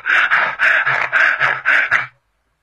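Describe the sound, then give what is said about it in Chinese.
Heavy, rapid panting from a single voice, about eight harsh breathy huffs in quick steady rhythm, loud, performed as an imitation of Xue Dingshan badly out of breath, then sudden silence. “这阵薛丁山光剩了喘气了。”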